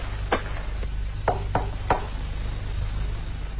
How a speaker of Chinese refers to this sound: 有人敲门，原来是自己人。